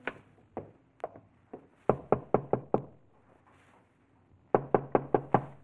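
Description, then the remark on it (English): Knocking on the wooden door of a lonely farmhouse in the evening: a few scattered raps, then a firm run of five quick knocks, a pause, and another insistent burst of five, loud with no voices. “It took a few moments to rouse anyone, but finally the door opened and there stood a woman.”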